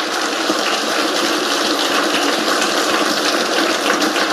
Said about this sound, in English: A round of applause for all the panelists, please.